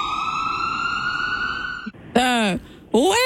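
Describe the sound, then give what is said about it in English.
An ambulance siren holds a loud, steady tone for about two seconds, then cuts off, followed by two short rising-and-falling wails that sound like a voice mimicking the siren. “I want to listen to a clip of an ambulance right now”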